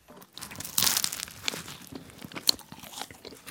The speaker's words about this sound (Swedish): Förutom det här ljudet av mig när jag smaskar in en croissant med choklad i